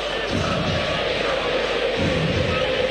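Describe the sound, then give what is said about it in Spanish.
A stadium crowd at an Independiente football match applauding in a steady, dense roar of clapping and voices that holds an even loudness throughout, with no single voice standing out. “A puro aplauso, Independiente”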